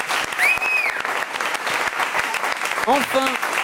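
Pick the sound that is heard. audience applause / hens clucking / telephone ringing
audience applause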